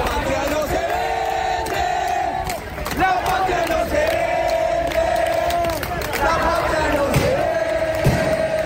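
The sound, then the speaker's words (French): A large protest crowd in the rain, in front of the Congress in Buenos Aires that is to vote on a law, shouts and chants together in sustained, rising waves of voices, loud, with a constant wash of background noise and brief dips between surges. “À Buenos Aires, face au Congrès qui doit voter la loi, la foule est nombreuse malgré la pluie.”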